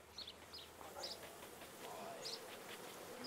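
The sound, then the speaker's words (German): A steady, low buzzing hum of many honeybees around a beehive of about 20,000 bees, fairly quiet and continuous, with a few faint high bird chirps flickering in the background. “Ebenfalls eine Mutprobe, an einem Bienenstock mit 20.000 Bienen herantreten.”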